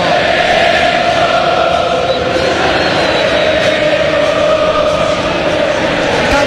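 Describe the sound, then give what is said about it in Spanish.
A large crowd of San Lorenzo fans rises to its feet, roaring and cheering at a football match against Talleres, in a dense, steady wash of sound, loud and unbroken for the whole stretch, with no single voice standing out. “Y se levanta la gente, escucha la gente, escucha el cuervo.”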